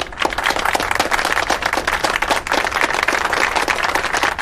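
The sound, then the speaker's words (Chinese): A crowd claps together in steady, dense applause, many overlapping hand claps forming a continuous bright patter that stays even in loudness for the whole stretch, with no talking. “我们大家为他鼓掌。”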